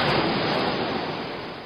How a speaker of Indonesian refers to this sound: Bak gejolak ombak menerjang pantai.